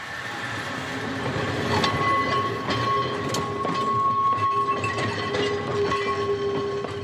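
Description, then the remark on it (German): A historic tram rolls slowly downhill along the tracks, with continuous low rumbling, squealing tonal whines and intermittent clacks and knocks from the wheels; no voices are heard. “Mehr als 30 historische Wagen gehören zur Flotte der beiden Straßenbahnlinien.”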